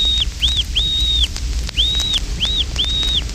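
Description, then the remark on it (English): A series of short, high piping whistles on a duck call imitating the pintail's whistle, six notes in two groups of three with a rising-then-falling shape, clear over a low background rumble. “Fintail and Weegean converse in a piping whistle, the fintail whistle.”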